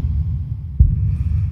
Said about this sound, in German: Ich lasse mich fallen, ergebe mich den Wassermassen. Hör das Blut in meinem Kopf pulsieren.